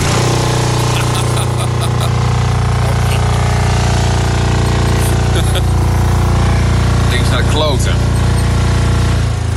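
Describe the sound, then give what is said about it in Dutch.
A faulty car heater blower fan drones loudly, a steady low mechanical whir with buzzing overtones and a few brief rattling clicks partway through, while barely any air comes out. “Daar zit een aanjager in. Die zorgt ervoor dat de lucht zeg maar verplaatst wordt in de auto.”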